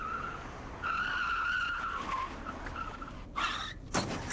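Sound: car tires skidding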